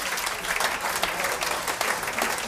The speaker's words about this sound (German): Einen Applaus